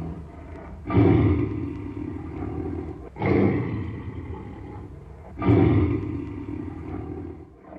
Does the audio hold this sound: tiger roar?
yes